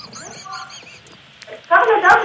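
A seagull squawks: faint, thin calls at first, then a sudden loud, harsh burst of squawking that fills the last half-second.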